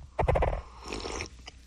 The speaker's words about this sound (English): I got to take another sip here. Hold on. Sorry, it pushed up against the microphone. It was a little squeaky, wasn't it? You hear that? Like that?